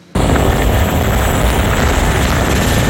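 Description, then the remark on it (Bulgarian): A Cougar helicopter fighting a forest fire in the woods above the village of Medven roars loudly, its dense, steady rotor and engine noise cutting in abruptly and filling the whole recording without letup. No one speaks. “Това видео показва гасенето от хеликоптер Кугър в гората над Медвен.”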